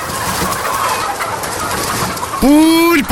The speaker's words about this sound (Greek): Δεν βλέπεις ότι είναι κοτέτσι? Είδα κότες και μπήκα.